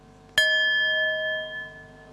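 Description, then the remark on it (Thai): A single bell is struck once as a signal for participants to open their eyes and meet the person in front of them, its bright metallic tone ringing out clearly and sustaining with a slow, shimmering decay over a quiet background. “เดี๋ยวให้สัญญาณระฆังเราลืมตาแล้วก็ทำความรู้จักกับเพื่อนที่อยู่ตรงหน้าของเรา”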